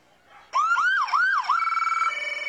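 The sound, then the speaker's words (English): A loud emergency siren suddenly blares, wailing up and down in a few quick whoops before settling into a steady, pulsing tone. “Yep, giving us a little wee-woo.”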